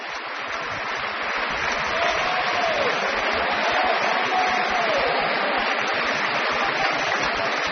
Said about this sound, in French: Et de beaux applaudissements encore pour le ténor Pénépati qui faisait une courte, brève, mais très belle apparition dans ce Requiem, dans le Sanctus tout à l'heure.